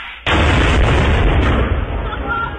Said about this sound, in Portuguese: É granada, porra!